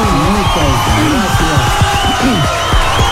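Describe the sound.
A crowd cheers and whoops loudly, with many overlapping voices shouting over a dense, steady wash of noise that could be clapping, sustained for about three seconds.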